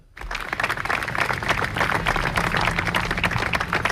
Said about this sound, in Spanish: Son los aplausos que hemos escuchado este mediodía en los ayuntamientos de las principales ciudades españolas para romper el minuto de silencio en solidaridad con Venezuela.